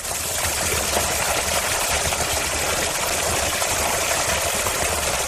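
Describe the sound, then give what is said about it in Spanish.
A steady jet of water from a drinking fountain on a walking route, which flows well all year round, pours without pause, making a constant, bright splashing hiss that stays level throughout, with no voices. “Este es el chorro, ¿eh? Un buen chorro durante todo el año.”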